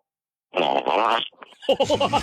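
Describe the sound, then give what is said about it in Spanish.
A voice imitates a fart with the mouth: a loud, buzzy raspberry lasting under a second, followed by a short pause and a burst of laughter-like voiced sputters. “El sonido de un pedito con tu boca, pero que se escuche bonito, de esos que truenan bien sabroso, que se escucha que todo está...”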